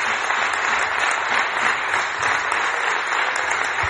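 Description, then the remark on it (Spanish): Sustained applause from a large crowd at the investiture session of president Juanma Moreno in Andalusia, given in recognition of the people of Venezuela; a dense steady patter of many hands clapping at even loudness for the whole stretch, with no voices rising above it. “Bueno, pues esos eran los aplausos de reconocimiento al pueblo de Venezuela por lo ocurrido la semana pasada.”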